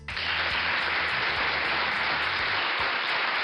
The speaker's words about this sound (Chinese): 好，这个掌声是送给老跟牛和小马的啊。